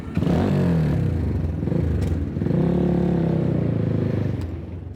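A motorcycle engine drones and revs on a short ride through city traffic in Tehran, its pitch rising and falling, with road noise and occasional clatter around it and no voices.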